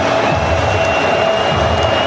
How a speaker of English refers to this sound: Crowd starts to get loud. Minnesota leading 14-7. And they are knocking on the door of Washington's red zone.